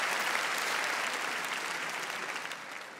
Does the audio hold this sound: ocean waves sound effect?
no